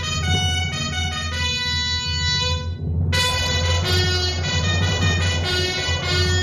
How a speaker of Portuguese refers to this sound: De repente, as buzinas soaram.